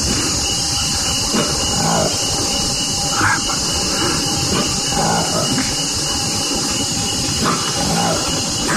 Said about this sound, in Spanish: ¿Usted escucha ese? ¿Lo escucha? Claro. No es un cerdo gigante, ni tampoco es el rugido de un felino, no. Es una nueva especie de simio, un mono que encontraron en el África, más exactamente en la República Democrática del Congo.